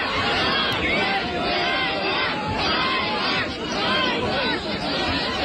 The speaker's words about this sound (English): in turning over the jeep used by military recruiters and they jeered and shouted, and that kind of brought the whole subject back into news headlines.